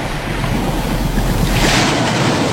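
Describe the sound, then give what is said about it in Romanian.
Sea waves wash onto the shore in a steady, loud roar, with a brighter hiss of surf swelling toward the end and a low rumble of wind underneath. “mare pe litoral.”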